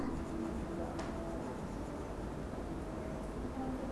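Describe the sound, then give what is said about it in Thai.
Soft, continuous scratching of a red colored pencil rubbing back and forth on paper as a teacher colors in a box, fairly quiet, with no talking. “สีแดงที่ครูหญิงระบายเต็มหรือยังคะเต็มช่องแล้วใช่ไหมคะ”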